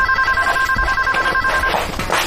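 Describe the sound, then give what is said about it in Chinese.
A telephone rings with a steady, continuous two-tone electronic trill for most of the moment, a call from a cousin, then cuts off near the end amid faint background noise. No one speaks. “表哥来电话。”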